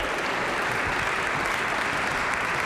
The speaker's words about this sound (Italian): Accogliamo con un bel applauso i cantori. Lo prolunghiamo un po' l'applauso, eccoli.